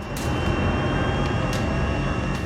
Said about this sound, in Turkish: Kalkış serbest. Uçuş ekibi bu devasa uçağı 20 saniyeden daha kısa bir sürede kaldırmayı hedefliyor.